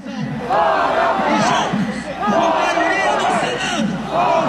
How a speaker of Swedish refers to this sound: Det är Brasiliens självständighetsdag och folkmassan på Avenida Paulista skriker ut med Moraes gång på gång medan talarna på scenen avlöser varann.